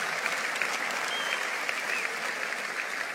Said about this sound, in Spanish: Vamos, dale un aplauso fuerte a Él.